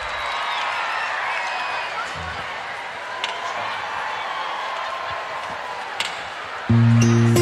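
A large crowd in Bogotá, Colombia, applauds steadily for several seconds, a dense wash of clapping with cheers and shouts rising over it. Near the end, a low tone begins.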